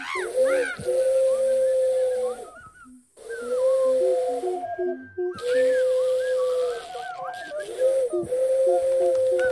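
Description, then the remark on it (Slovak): A voice imitates a hooting call, producing long, steady, whistly tones in repeated bursts with brief pauses between, set against a breathy hiss and faint background sounds. “Ja húkať.”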